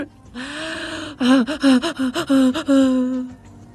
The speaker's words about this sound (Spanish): Es mi respiración de ansiedad.